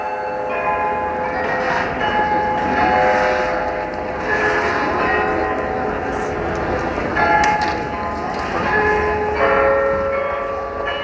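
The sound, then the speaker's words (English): The 43-bell Glockenspiel at St. Mary's Square (the Marienplatz) in the center of Munich's Old City chimes a melody at 5 o'clock, its ringing tones overlapping and sustaining steadily over a murmuring outdoor crowd. “From St. Mary's Square, the Marienplatz in the center of Munich's Old City, the 43-bell Glockenspiel performs at 5 o'clock”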